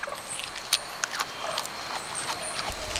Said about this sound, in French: On dirait un animal qui grignote des feuilles. C'est un koala.